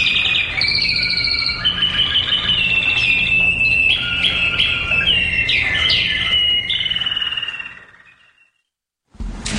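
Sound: songbird singing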